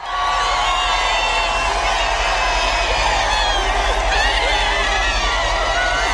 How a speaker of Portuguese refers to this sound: Enquanto o Papa era aclamado pelos fiéis, uma multidão o aguardava no destino final da visita a Paris, à Praça da Concórdia.